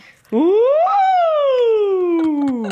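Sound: voice imitating a siren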